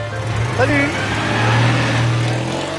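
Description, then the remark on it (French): A small Citroën 2CV car engine runs steadily, its low, instantly recognisable buzzing drone holding even throughout, with a faint voice briefly audible early on. “Voilà, ce petit bruit reconnaissable entre mille”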